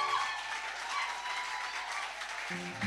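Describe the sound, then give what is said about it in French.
Sustained audience applause for a young artist fills the whole stretch, a dense steady wash of many hands clapping at fairly even loudness, with no one speaking over it. “Acclamation pour Emmanuel, mesdames, messieurs.”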